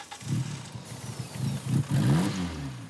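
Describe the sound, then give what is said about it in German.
A car engine cranks in bursts, then catches after starting spray is used and revs briefly, sounding rough and uneven. It is fairly loud, with no talking. “Der Motor springt an, aber das Glück ist nicht von langer Dauer.”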